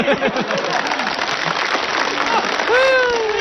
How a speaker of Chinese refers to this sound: 哎，大妈，我要把这个箱子打开，不要多了，您给我五秒钟的掌声，好不好？